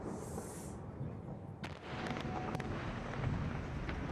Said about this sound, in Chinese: 6月20日，黎巴嫩南部持续响起爆炸声，以色列再次对黎巴嫩发动空袭，并配合地面部队推进。